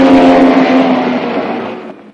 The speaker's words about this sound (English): Then the gorilla in the silver convertible speeds past him again.